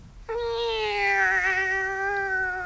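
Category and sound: animal, cat meowing plaintively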